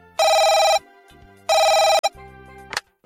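A telephone rings twice in the middle of the night, each loud electronic trill lasting about half a second, separated by a pause with faint low background tones, ending in a short click-like burst.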